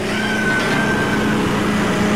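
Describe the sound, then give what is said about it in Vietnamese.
A boat engine run at full throttle drones steadily and loudly, with a low rumbling hum and a faint high whine running over it, holding an even level throughout without any pause. “Rồi bỗng có người ra lệnh: "Cho máy giọt lệ lên, chạy hết ga đi."”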